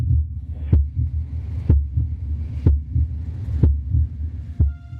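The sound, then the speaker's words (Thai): A steady heartbeat thumps about once per second, five deep low beats in a row, each with a sharp click-like onset, over a constant low rumbling hum with no voices. “หัวใจของเราหนัก1ปอนด์หรือประมาณครึ่งกิโลกรัม 15,000 ครั้งใน1วันสูบฉีดเลือด 1.5 แกลลอนต่อนาทีหรือเท่ากับ 2,000 แกลลอนในแต่ละวัน”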